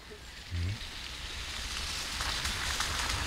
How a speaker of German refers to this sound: Es regnet, wie schon an den vergangenen Tagen.